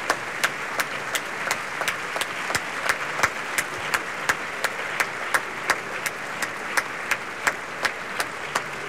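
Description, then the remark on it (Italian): Warm, sustained applause from the audience at the Teatro Costanzi opera house as chorus master Ciro Visco brings the chorus to the proscenium, a dense wash of clapping with a steady rhythmic beat pulsing through it, holding an even level throughout with no voices. “Ciro Visco li porta in prosceno a prendere gli applausi, devo dire piuttosto calorosi, del pubblico del Costanzi.”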